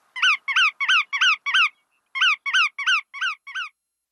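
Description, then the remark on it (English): Bar-tailed godwit calls: a quick run of five sharp, nasal notes, a brief pause, then five more, clear with no voices or other sound around them. “Other shorebirds shape up like this for migration too, but none travel as far as the bar-tailed godwit.”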